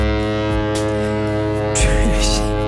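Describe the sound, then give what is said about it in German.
A ship's foghorn sounds one long, deep, buzzing blast, loud and steady throughout, with a rougher, noisier surge in the tone during the final second. “Ein Typ auf einem vorbeifahrenden Schiff in Norwegen hat aber einfach mit einem Nebelhorn einen Eisbären geweckt.”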